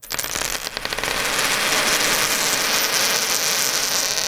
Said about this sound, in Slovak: A sú to reálne zlaté mince. Akože čestne, my sme to natáčali aj nahrávali.